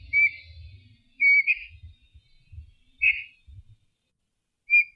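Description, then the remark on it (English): New Zealand storm petrel calls: four short, high whistled chirps at uneven intervals, fairly loud, over soft low rumbling thumps. “The New Zealand Storm Petrel.”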